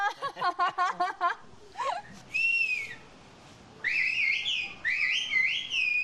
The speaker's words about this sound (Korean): 볼수록 휘파람으로 의사소통하는 게 신기합니다. 농경과 목축을 위해 산비탈에 집을 지어 정착한 마을. 그런데 지형 때문에 직접 왕래하기가 어려웠습니다. 그래서 휘파람 언어라는 독특한 의사소통 방식이 만들어졌습니다.